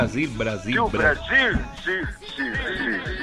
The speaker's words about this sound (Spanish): Diga a ver con eco.